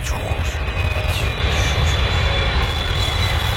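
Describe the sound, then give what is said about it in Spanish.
A loud, steady airplane roar sound effect fills the whole stretch, a dense rumbling drone with a faint high whine on top, continuous, with no voices over it. “¡Qué feo el efecto!”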